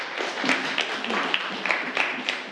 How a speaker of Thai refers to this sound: ถูกต้องครับปรบมือนักเรียนนะครับ